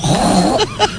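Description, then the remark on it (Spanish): A woman on Basque regional television (ETV) imitates a pig with her voice: a low, rumbling grunt-snort through most of the second, then two short, higher squeal-like bursts near the end. “Un cerdo.”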